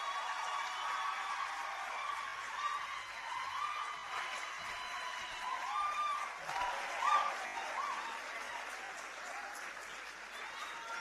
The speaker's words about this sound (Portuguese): Aplausos bem merecidos. Muito obrigada.